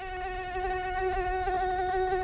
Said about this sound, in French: Et c'est un son qu'on risque bien d'entendre encore pendant plusieurs mois. Le moustique fait de la résistance.